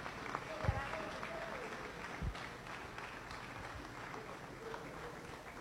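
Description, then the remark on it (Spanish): Steady applause from a crowd in praise of a woman, a dense, even patter of clapping that carries on for several seconds with a couple of dull low thumps mixed in and faint voices underneath. “Lo que les quiero decir es que, efectivamente, es un ejemplo a seguir y sencillamente decir, Dios le bendiga y un aplauso para ella y con ella, la salud del Táchira.”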